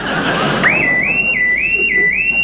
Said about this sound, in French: Merde, merde, l'alarme. Il y a quelqu'un. Ça, c'est sûr, il y a quelqu'un.